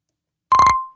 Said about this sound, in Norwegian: Der kommer det inn en telefon.